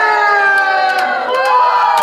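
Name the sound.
students cheering and shouting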